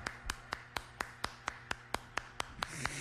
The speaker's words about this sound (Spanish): mi compadre el Chaca, aquí lo tenemos con todo gusto, el Chaca, cómo no, venga el aplauso para mi compa el Chaca.